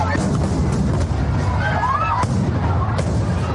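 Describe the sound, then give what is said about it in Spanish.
Festival rockets lit from the town hall balcony at the start of the patron saint festivities in Noain go off uncontrolled after sparks from the first two ignite the rest, firing in a chaotic, continuous barrage, with sharp cracks and bangs over a dense rumbling roar and a rising whistle, loud, with voices faintly mixed in. “Las chispas de los dos primeros cohetes prendían en el resto, que se disparaban sin control.”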